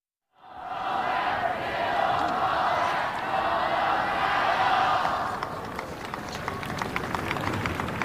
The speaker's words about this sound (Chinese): 刚才现场的观众也都在用中文啊，给德约科维奇加油。其实德约科维奇是能听懂的。